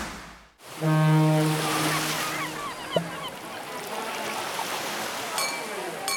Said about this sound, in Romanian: Știm că ți-e deja dor de mare. Ți-am pregătit toate sunetele pe care le iubești. Valurile spărgându-se de țărm